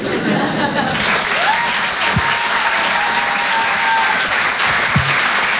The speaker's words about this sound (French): On peut applaudir très très fort, lui aussi